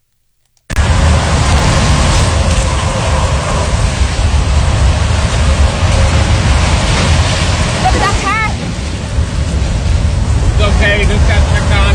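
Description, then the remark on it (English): A howling storm wind roars without a break after a sudden start, loud like a freight train going over a house, with a faint muffled voice briefly under the din, recorded on a cell phone video. “And then I mentioned earlier that the sound of what sounded like a train going over your house.”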